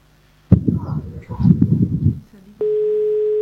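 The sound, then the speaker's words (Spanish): A steady electronic telephone ringing tone sounds over the line for the last second, clear and fairly loud, after a stretch of muffled talk, as a morning call to a listener keeps ringing unanswered. “a esta hora de la mañana sigue sonando el teléfono.”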